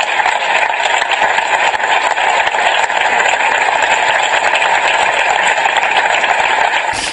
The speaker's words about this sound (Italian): Gli applausi nel ricordo.